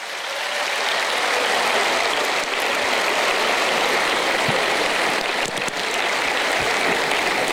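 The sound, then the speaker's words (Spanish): Sustained audience applause for someone's parents, a dense, steady wash of many hands clapping at full volume throughout, with no speech over it. “Fuerte el aplauso para los padres de Anne.”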